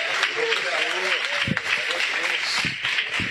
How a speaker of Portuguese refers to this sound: E as palmas bem bonita, bem bonita, bem bonita para Jesus.